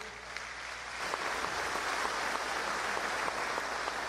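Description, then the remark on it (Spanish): An audience breaks into applause, a dense crackle of many hands clapping that swells after the first second and then holds steady, with no one speaking over it. “¡Aplausos!”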